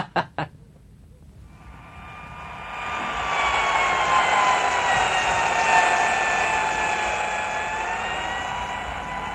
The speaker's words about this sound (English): As the dull, insistent sound of the dentist's drill stopped from time to time, the patient looked around the office.